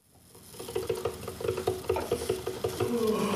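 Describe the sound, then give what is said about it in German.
A coffee machine runs, its pump chugging in a steady rapid pulse with a humming mechanical tone that swells in at the start. No voices. “Die Kaffeemaschine läuft, aber der Tag will nicht in Schwung kommen.”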